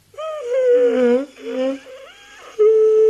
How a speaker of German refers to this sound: No, no, verschling mich nicht vor lauter Gähnen. Also halt wenigstens die Hand vor den Mund.